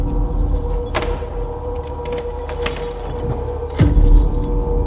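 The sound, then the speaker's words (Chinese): Metal keys jingle and clink in short bursts while unlocking the door of tenant room 204 in a rental building, followed by a heavier clunk as the lock turns, over a low steady background rumble. “开门。”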